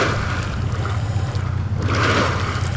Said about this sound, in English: About 9 miles from the canal, in the master planned community of Anthem, Colorado River water is coming out of a pipe, bubbling into big holding ponds. They're owned by EPCOR, a private utility company.